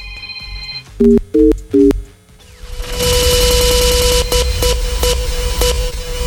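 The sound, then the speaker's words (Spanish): A telephone tone hums briefly, then three short, loud dialing beeps sound in quick succession as the frequency of the radio station La Qué Buena de Campeche is dialed on a phone, followed by a sustained loud, noisy burst with a steady tone running through it. No one speaks. “Marca en tu teléfono la frecuencia de La Qué Buena de Campeche.”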